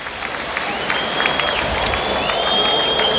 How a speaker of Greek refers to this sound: Παίρνει το χειροκρότημα ο Βασίλης Χαραλαμπόπουλος για την πολύ καλή του εμφάνιση.